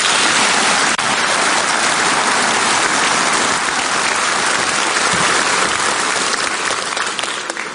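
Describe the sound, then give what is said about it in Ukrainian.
A large audience in a conference hall at the conference on Ukraine's recovery claps steadily in support of Ukrainian Prime Minister Yulia Svyrydenko's thanks to Poland, a dense, loud wash of applause that holds for several seconds and eases slightly toward the end, with no voices heard. “Зала двічі оплесками підтримала ці слова.”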